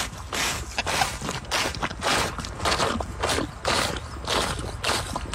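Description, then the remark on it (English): A camel drinks water, producing loud, repeated wet slurping and sucking gulps in a steady rhythm of roughly two per second, with no talking. “You ever heard a camel drink water? Listen.”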